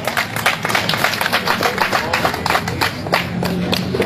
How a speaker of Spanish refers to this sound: ¡Aplausos, vecinos!